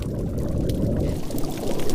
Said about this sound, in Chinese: 鹰嘴鱼啃咬坚硬珊瑚的声音时常回荡在珊瑚礁间。